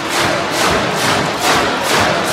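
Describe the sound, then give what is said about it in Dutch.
A group stamps their feet on a concrete floor in a steady rhythm, about four or five loud, noisy waves of thumping blending into a continuous rumble, with no talking. “Stamp eens met je voeten.”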